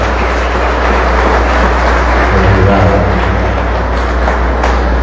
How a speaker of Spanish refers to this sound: Levanten la mano los de la banda. ¿Dónde están? Allá. Le levanten un fuerte aplauso que yo voy a acompañar.